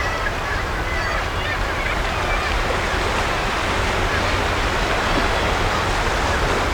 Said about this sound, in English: But as I look down at the impressive waves, eating at the soft chalk land beneath my feet,